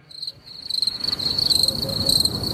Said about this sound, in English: I'll tell you, the crickets are lovely.